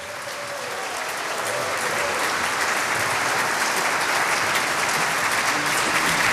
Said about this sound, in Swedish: Tänk, 90 år, Mariehamns äldsta, fortfarande verksamma och vitala 90-manskör. 90 år på Åland, det tycker jag är värt en applåd.